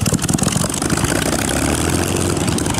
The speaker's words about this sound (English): That's the original and legendary Spitfire engine noise, now the next generation of the aircraft.